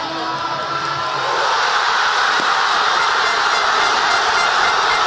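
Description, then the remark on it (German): A big crowd of football fans at a public viewing in Buenos Aires roars and cheers after an extra-time winning goal, in a dense, sustained wall of noise that stays loud throughout, with no single voice standing out. “Hören wir mal rein, ne, wie das klang in Buenos Aires beim Public Viewing.”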